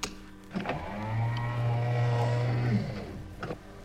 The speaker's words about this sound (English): Close the sound doors, will you?